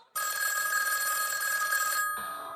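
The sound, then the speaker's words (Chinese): An old-fashioned telephone in the outer room rings late at night, the bell sounding loudly and steadily for about two seconds with no voices, then stopping abruptly, leaving a faint fading ring. “哎，我去外屋接电话，你先睡吧啊。”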